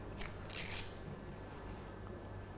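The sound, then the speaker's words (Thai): Soft papery rustling and scraping as a paper strip is pushed down and pulled up through slots, weaving the third strip of a paper weaving craft, a few short brushing bursts over a faint steady hum, quiet, with no talking. “ต่อมานะคะเราจะทำเส้นที่3ค่ะเด็กเปลี่ยนสีได้นะคะลูกเส้นที่3นะคะเราจะทำเหมือนเส้นแรกค่ะเราจะสอดกระดาษลงไปก่อนแล้วเราก็ดึงขึ้นมาค่ะ”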